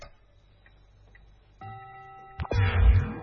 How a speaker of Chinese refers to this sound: 这个熟悉的校园的钟声来了